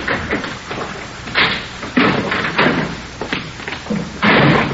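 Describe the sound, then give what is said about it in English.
A kitchen door at the back is opened and shut as somebody comes around the back, a series of solid thuds and rattling knocks spread over a few seconds, with no voices. “Somebody's coming around back to you. Yeah. Kitchen door.”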